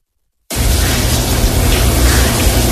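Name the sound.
shower water running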